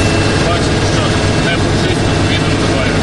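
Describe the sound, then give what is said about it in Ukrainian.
A heavy armored Humvee, welded over with grilles and chains and covered by anti-drone nets, drives at maximum speed; its engine and road noise form a loud, steady rumble that fills the cabin without letup for the whole stretch. “Не буду приховувати, ми нервуємо, хоча їдемо в броньованому хамері, який обварений решітками та ланцюгами.”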